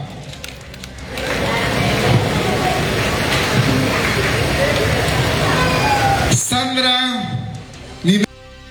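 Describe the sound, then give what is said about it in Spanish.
A crowd breaks into dense, steady applause for a teacher being introduced as a judge of a contest to choose the queen of mothers in Palestina; it swells within a second and holds for about five seconds, then stops abruptly as a voice takes over. “Quiero que le brindemos fuertes aplausos a la profesora.”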